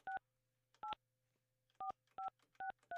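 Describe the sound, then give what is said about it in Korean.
About six telephone keypad beeps, each a short two-tone chirp pressed at an uneven pace, clear over a faint low hum, with no voices, as someone dials a phone number to place a call. “이제는 가능하다고 하시니까 전화 걸어볼게요.”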